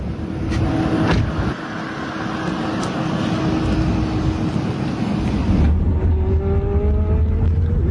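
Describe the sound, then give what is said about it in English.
Steady road and cabin noise from inside a driverless Waymo autonomous car, then a rising electric motor whine as it pulls away and picks up speed on a ride from Tampa airport to downtown Tampa; nobody talks. “So this is the world of autonomous driving, driverless cars. This is a Waymo. This is the vehicle I'm in.”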